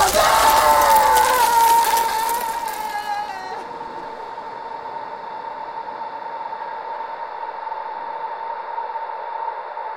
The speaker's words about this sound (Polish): Co jest? Krzyknąłeś? Nie. No wydawało mi się, że krzyknąłeś. Nie, to nie ja. A kto?